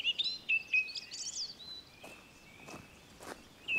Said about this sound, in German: Ich habe unzählige Stunden im Wald verbracht, nicht nur, um den Vögeln wie der Singdrossel zu lauschen.